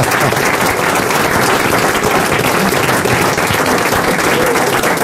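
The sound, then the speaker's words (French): A studio audience of the RTL show Les Grosses Têtes breaks into sustained applause for a collector of La Vache qui rit items, dense overlapping claps at a steady, loud level for several seconds, with no one speaking. “Il a même une vache qui rit sur l'épaule et on l'applaudit.”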